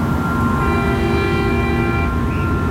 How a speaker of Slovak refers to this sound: Počuješ trúbenie auta?